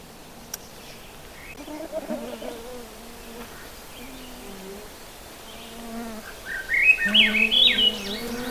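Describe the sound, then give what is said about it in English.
A Swainson's thrush sings one flute-like, upward-spiraling phrase near the end, fairly clear, in a mixed woods on a sunny morning, while many mosquitoes whine and buzz steadily throughout. “That lovely flute-like song is a Swainson's thrush.”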